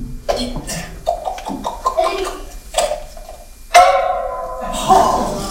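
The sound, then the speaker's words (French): A few sharp, hard knocking blows struck with a pommel during a live family show, landing at uneven intervals amid lively vocal sounds, with a louder strike near the end. “Bon, ben, un coup de pommeau, ça change rien.”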